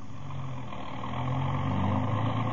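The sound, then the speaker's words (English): A car engine runs steadily with a low, rumbling hum that swells slightly louder toward the end. It is continuous, with no voices. “Then we left and got into the car.”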